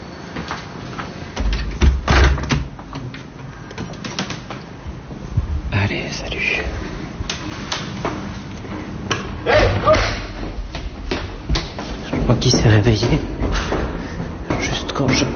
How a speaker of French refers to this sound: Juste quand j'ai claqué la porte.